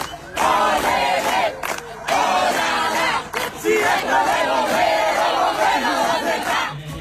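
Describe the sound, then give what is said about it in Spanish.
A large crowd cheers and shouts loudly and continuously in applause for firefighters who came from Chamical, Chepes, La Rioja and Famatina, with bursts of applause and excited voices rising together for several seconds. “Siendo bombero o no, quiso colaborar y eso estuvo buenísimo para poder darle un cierre con moño y con el aplauso de todos.”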